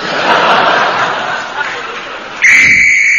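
A shrill, steady danger whistle, signalling that the men in the tunnel are going to start blasting, sounds loudly near the end, cutting through a busy murmur of crowd chatter and continuing as one sustained note.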